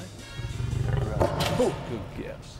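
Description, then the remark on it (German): A lion, trained to snarl on command for a show, gives a harsh, rumbling growl that runs steadily for a couple of seconds and flares into a louder, raspier burst midway before trailing off. “Aber keine Angst, das Fauchen hier ist antrainiert für die Show.”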